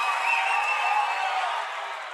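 A crowd claps in a dense, continuous wash of applause, steady and fairly loud for about two seconds before easing off slightly at the end. No one speaks.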